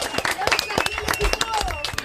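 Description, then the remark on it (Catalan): An audience breaks into applause after a throw in a slingers' (foners) training game at a games event, a dense patter of many hands clapping irregularly, with a few voices calling out over it throughout. “Molt bé, això mateix, fort aplaudiment.”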